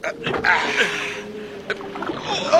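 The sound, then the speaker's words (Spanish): A rowboat is rowed through the waves of a fierce storm on a lake, with a continuous rush of churning water, a steady low hum underneath, and a sharp splash or knock partway through. “Vienen las olas. Cortémoslas con la proa. Rememos.”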